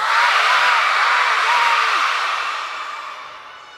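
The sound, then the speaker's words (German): An audience at an orchestra concert shouts "Feuervogel" (Firebird) together after a count of three, in one loud, dense burst of many overlapping voices, holding for a couple of seconds before gradually fading away. “Ich zähle nochmal bis drei und dann ruft ihr alle so laut ihr könnt, Feuervogel, okay?”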